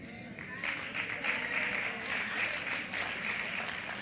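A church audience breaks into sustained applause, many hands clapping in a dense, steady wash that swells after the first half-second and holds at an even level throughout.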